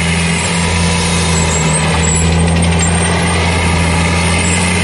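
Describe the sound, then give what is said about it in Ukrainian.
The diesel engine of a heavy Scorpion demining machine runs loudly and steadily, a deep, constant rumble with a harsh mechanical roar on top, no voices. The machine is remotely controlled by an operator at a safe distance while clearing a minefield. “Оператор виконує завдання, перебуваючи на безпечній відстані, а сучасна електроніка забезпечує йому повний контроль над процесом розмінування.”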